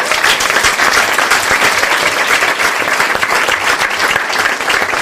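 Sustained applause from an audience, a dense, steady wash of many hands clapping at an even loudness throughout, with no talking over it.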